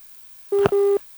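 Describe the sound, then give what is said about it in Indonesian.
A short electronic phone tone as a WhatsApp phone call is cut off: two clean beeps at the same pitch split by a tiny click. It is fairly loud and heard alone, with no talking. “Aduh, terputus.”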